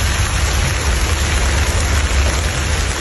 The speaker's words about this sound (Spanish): todo esto después de un fin de semana de contrastes en Navarra, temperaturas muy elevadas durante las horas centrales del día y con tormentas que ganaron protagonismo por la tarde del sábado y domingo.